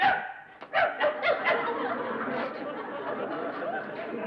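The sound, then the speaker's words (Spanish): A person mimics a barking dog with four or five quick, yappy barks in a row, then a murmur of overlapping voices and chatter fills the rest. “¡Hasta de perro eres feo!”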